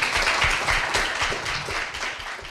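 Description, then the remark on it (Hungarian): An audience applauds steadily, a dense wash of many hands clapping at a fairly loud level, with individual claps blurring into a continuous crackling texture and no voices over it. “Köszönjük egy nagy tapsal.”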